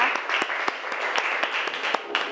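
A class of people applauds together, with steady, fairly loud clapping and sharp individual claps popping out irregularly through the sustained patter.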